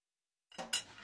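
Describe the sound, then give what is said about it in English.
Dishes and cutlery clink together in a short burst of washing-up noise, two bright clatters after a moment of silence, with no voices. “It's a good thing you're naked while doing the dishes, because what if water starts coming from somewhere that definitely isn't a tap?”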